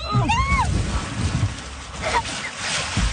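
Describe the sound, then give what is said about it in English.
Water sloshes and splashes heavily in a burst of turbulent noise as a canoe carrying a newly married couple tips over into a river after their wedding ceremony, while people shout and yelp over the commotion. “So after the ceremony, they headed over to a nearby river, they hopped in a canoe, and then this happened.”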